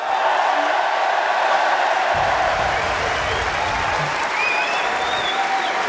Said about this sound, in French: Allez, le public qui l'applaudit, attention. Félicitations, nous sommes le 26 mai 2026, tu viens de signer ta première victoire en Grand Chelem ici à Roland Garros.